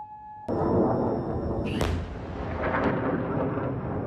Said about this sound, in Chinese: 科威特武装部队总参谋部当天在社交媒体上发表声明说，科威特防空系统拦截了敌方导弹和无人机袭击，如果民众听到爆炸声，是防空系统拦截敌方袭击所致。